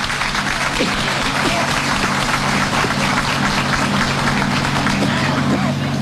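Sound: audience applauding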